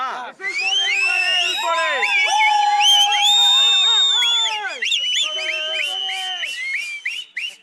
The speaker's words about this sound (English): They're realizing that now nothing's stopping their leader from becoming the chief minister. And that's the reason you're hearing these whistles.